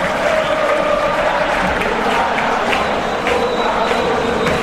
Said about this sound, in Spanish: El minuto 10. aplauso cerrado de todo el estadio para Messi.